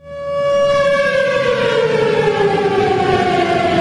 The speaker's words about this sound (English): It brought hurricane-force winds and triggered tornado sirens, as captured in this clip from Lakeland PBS.